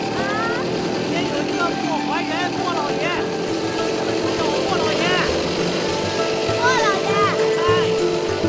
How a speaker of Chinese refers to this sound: 哎呀， 不用客气了，来，上我的摩托车。 好， 坐好了啊。 嗯， 走喽。